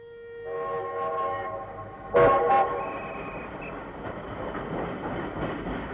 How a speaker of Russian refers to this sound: Необычный поезд проводил на этой неделе с Московского вокзала корреспондент «Последних известий». Тепловоз увез в столицу состав вагонов метро, вереницу бело-голубых красавцев.